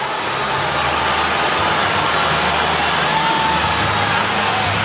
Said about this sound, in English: We haven't heard this much booing on the south side